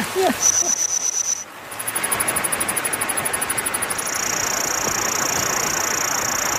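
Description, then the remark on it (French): Chirping of an ancient Jurassic-era cricket, lower-pitched than usual, comes as a rapid, steady pulsing trill over a hissy background, then settles into a continuous buzzing tone, fairly loud, with no talking. “Il y a toutes sortes de grillons là-dedans. Ils pouvaient produire des sons à fréquence plus basse.”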